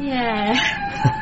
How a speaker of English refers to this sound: Yeah, what is that? Whales mating. Oh, right. Whale song calms me down. I'd be a wreck otherwise. Sounds like my mum. Sorry? Not mating, singing.